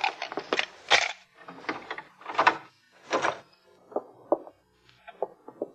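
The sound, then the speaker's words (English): A hotel room door being unlocked with a pass key and opened: a quick run of metallic clicks and rattles, several heavier clunks, then lighter knocks as it swings, with no voices. “You have a pass key? Yeah. All right, open the door.”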